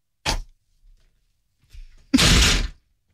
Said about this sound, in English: He's kicking the chair again.